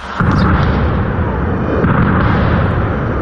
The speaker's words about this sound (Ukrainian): Розриваються російські керовані авіабомби.